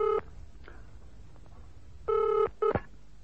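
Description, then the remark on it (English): Telephone being dialed: a short buzzing tone, a soft click, a pause, then a longer tone followed by a quick final blip, fairly quiet, with no voices. “Let me use a phone.”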